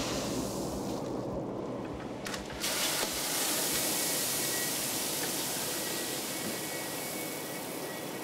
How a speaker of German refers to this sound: Hier füllt er gerade Mais nach. Der wird in diesem Mahlgang zu Futter aufgebrochen.